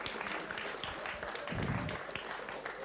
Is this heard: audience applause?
yes